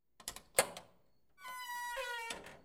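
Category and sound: household object, door being opened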